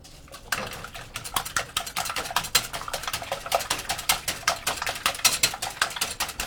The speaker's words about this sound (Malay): Untuk membuat kue bolu castella, kocok telur secara merata agar banyak udara yang masuk.